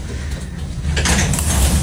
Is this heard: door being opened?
yes